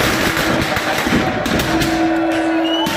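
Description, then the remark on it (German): Outdoor historical battle reenactment on the beach in Port de Sóller, with a rapid jumble of gunshots and sharp bangs over a dense, noisy backdrop, while a steady droning tone rises partway through. “Es knallt, es kracht, es fallen Schüsse, also da ist richtig was los.”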